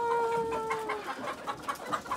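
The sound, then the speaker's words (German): A group of chickens clucking as they are let out onto a fresh meadow for the first time, short repeated clucks in an irregular rhythm, with a steady high tone held underneath for the first second. “Jetzt dürfen die Hühner zum ersten Mal auf die frische Wiese.”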